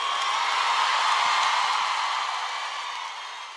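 A dense, steady wash of audience applause with some cheering, holding strong for a few seconds and then easing off slightly toward the end, with no one talking over it.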